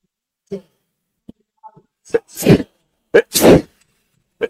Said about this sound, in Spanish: Ay, perdón, me agarró la estornudadera.